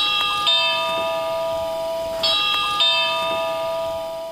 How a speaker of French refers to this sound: Et le bruit d'une cloche.